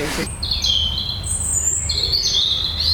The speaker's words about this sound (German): Es ist schon ganz schön laut. Rotkehlchen. Ja, genau.